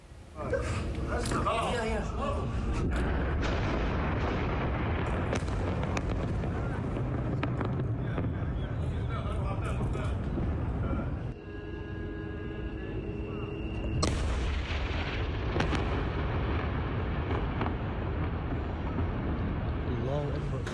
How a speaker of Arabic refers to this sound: هي ضربة. مشهد من مدينة سور بعد الاستهداف يلي صار للمبنى على خط كورنيش البحري.